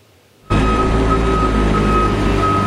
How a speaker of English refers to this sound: While barren lots are still littered throughout town, the dull hum of construction echoes throughout the streets of Lytton.